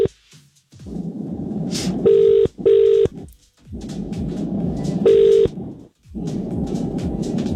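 A phone line rings out with a double-burst ringback tone: two short electronic pulses, a pause, then another ring, over a steady rumbling background bed.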